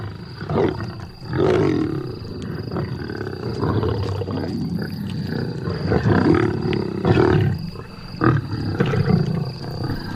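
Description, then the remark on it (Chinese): Several lions of a pride growl and snarl aggressively while feeding on meat at a kill, deep rumbling roars overlapping in repeated aggressive bursts, loud and continuous throughout with no talking. “狮子在进食时非常好斗，”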